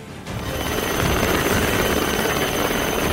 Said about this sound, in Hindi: यहाँ समंदर में फंसे मछुआरों को एयरलिफ्ट कर सुरक्षित बचाया गया। समंदर में एक नाव के डूबने की स्थिति में होने की जानकारी मिलने पर कोस्ट गार्ड ने तत्काल हेलीकॉप्टर के जरिए रेस्क्यू ऑपरेशन शुरू किया